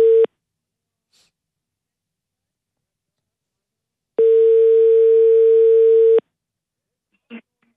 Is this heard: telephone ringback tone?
yes